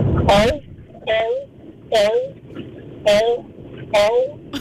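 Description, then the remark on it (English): A person's voice imitates a seal's bark: five loud, harsh barking calls repeated at a steady pace about a second apart, with short pauses between them. “No, the seals obviously are listening, and they're upset about your seal impression, unfortunately,”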